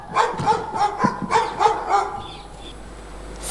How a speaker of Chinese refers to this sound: 这狗怎么叫得这么凶啊？